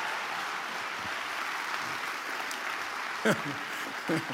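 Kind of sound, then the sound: crowd, audience applauding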